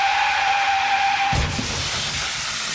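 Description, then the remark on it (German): A steady hiss with a faint whining tone breaks into one sudden, heavy bang as a woman driving a car crashes into the back of a car that braked ahead of her, then a rushing hiss continues without a pause as the airbag deploys. “Ein Aufprall, ein Knall und dann ein Kissen, das dafür sorgt, dass diese Autofahrerin mit dem Schrecken davonkommt.”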